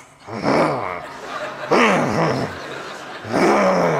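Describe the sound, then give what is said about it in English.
A voice imitates the growling and murmuring of an angry audience at a funeral: three low, rumbling growls with rough harmonic tones, each swelling and fading, spaced a little over a second apart, fairly loud. “I start to hear this growling, this murmuring.”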